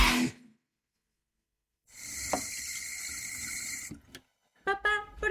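A water tap runs in a steady rushing stream during tooth brushing for about two seconds, then shuts off abruptly, followed by a few short squeaky sounds.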